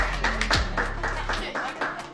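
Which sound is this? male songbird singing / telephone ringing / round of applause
round of applause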